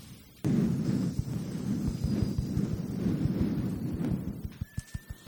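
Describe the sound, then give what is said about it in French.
A group of people, acting as a forest of trees, imitate wind in tree leaves with a steady, breathy rushing hiss that swells and holds for several seconds over soft rhythmic thumps, then fades into a few sharp taps. “On va commencer par installer tranquillement des arbres et du vent dans les feuilles des arbres.”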